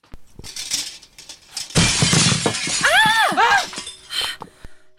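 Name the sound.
stone thrown through window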